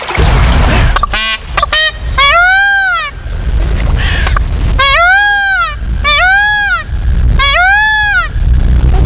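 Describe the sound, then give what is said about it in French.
A male blue peafowl (peacock) near a stream in a forest gives loud, harmonic wailing calls, rising and falling in arched notes, one long cry followed after a pause by three repeated calls in steady rhythm, over a low rumbling background. “Pourquoi crie-t-il Léon ? C'est tout simplement son moyen de communication. Seul le mâle braille ou criaille.”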